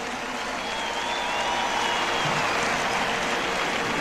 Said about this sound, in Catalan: Volia demanar un aplaudiment també per tot l'equip tècnic que ha fet tot això possible. Un aplaudiment també pel manejament, discogràfica, productora i tot el rotllo aquest.